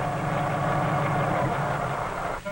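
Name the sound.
helicopter engine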